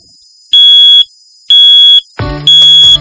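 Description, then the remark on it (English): A loud, piercing smoke detector alarm beeps three times in a steady rhythm, each tone about half a second long, with a brief lower clattering burst between the second and third beeps. “Smoke detectors sound an alarm when they detect smoke.”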